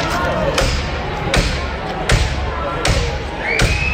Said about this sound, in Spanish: Este es el momento en el que la policía ha reventado hace nada, hace dos minutos, la puerta del portal de Mari Carmen